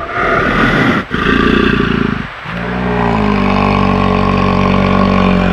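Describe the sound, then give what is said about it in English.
Bears jaw at each other, interacting directly, with loud, rough roaring vocalizations, broken by two brief pauses before settling into a sustained, rumbling growl-roar. No talking. “You know, sometimes if you've seen videos of interactions between bears, they'll do this thing called jawing, where they're kind of interacting directly with one another and they'll kind of roar almost.”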